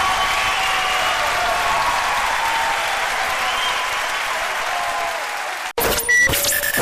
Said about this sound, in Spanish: Fuerte aplauso para los muchachos.